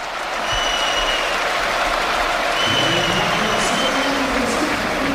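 A stadium crowd at a Depor football match gives a sustained ovation as player Soriano is substituted off (Ricky comes on): a dense, steady roar of applause and cheering that swells slightly and holds loud for the whole stretch, with a few faint whistles above.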